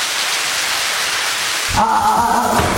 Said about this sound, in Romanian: A început, în schimb, o ploaie torențială.